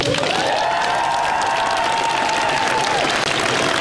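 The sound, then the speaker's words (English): Dense, sustained applause from a large crowd following a resignation speech, loud and steady throughout, with no break in the clapping and no one speaking. “And the applause, sickening, isn't it?”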